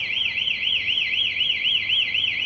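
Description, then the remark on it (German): A loud electronic anti-theft alarm from a Bonner Stadtwerke electric-vehicle charging column wails continuously, set off by an attempt to steal the charging cable, its high pitch sweeping up and down in a fast, steady warble, with no voices present. “In diesem Fall löst die Säule Alarm aus, optisch und akustisch.”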